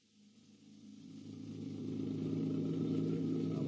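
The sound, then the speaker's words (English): A car engine hums steadily and grows louder over a few seconds as the car pulls away from a hospital and picks up speed, with a low, continuous drone and no voices. “A car, an automobile.”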